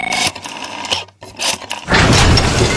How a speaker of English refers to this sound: That's not just the sound of a struggling air conditioner. That's a cry for help.